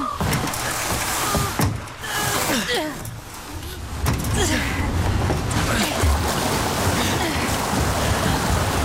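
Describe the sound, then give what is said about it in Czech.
A swan-shaped pedal boat is pushed into the water: steady splashing and sloshing with scraping knocks and creaks of the hull, continuous throughout. “To je labutí šlapadlo. Lepší než nic. Pomoz mi. Musíme ho dostat na vodu.”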